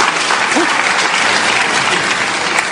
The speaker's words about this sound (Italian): Facciamogli un applauso di incoraggiamento.